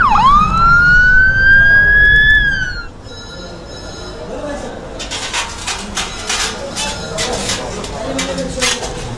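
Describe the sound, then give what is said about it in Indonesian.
An ambulance, called for a driver who has fainted with chest pain, wails its siren loudly, its pitch sweeping upward for a few seconds before dropping away and fading beneath a busy, noisy clatter. “Panggil ambulan, cepet-cepet.”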